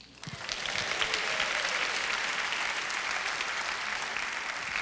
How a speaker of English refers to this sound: Let's give the Word of God a hand clap of honor and praise.